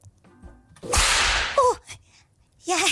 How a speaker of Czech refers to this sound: Jo, úplně sweet, cute, jak mám být jako roztomilá, když mě práskneš bičem?